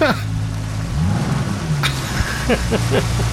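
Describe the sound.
A Yamaha engine with many cylinders runs steadily with a low, buzzing drone that swells and rises in pitch for a moment before settling, over a constant rushing noise, with brief voice-like sounds toward the end, on a trip about seven minutes from Bjørnsund.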